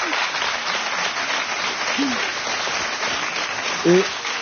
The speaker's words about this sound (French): Oui, oui, applaudissements.